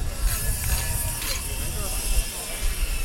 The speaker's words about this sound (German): Spanplatten werden zurechtgesägt.